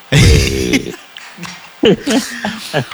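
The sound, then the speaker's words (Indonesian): A loud, throaty cough bursts out, lasting under a second, followed by a few short voiced sounds and bits of talk. “Dulu batuk kah dulu”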